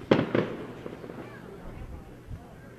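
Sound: fireworks exploding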